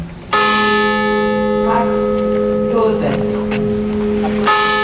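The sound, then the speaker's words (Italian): A large memorial bell tolls 262 times at a commemoration at the site of a tragedy, accompanied by the names of the victims; each deep resonant strike rings out and sustains for several seconds before the next toll begins; faint voices murmur beneath the hum. “262 i rintocchi della campana accompagnati dai nomi delle vittime.”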